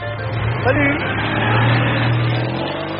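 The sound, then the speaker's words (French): A small Citroën 2CV car engine runs steadily, its low buzzing drone holding an even pitch with a slight rise in revs partway through, continuous for the whole stretch. “Ce petit bruit reconnaissable entre mille”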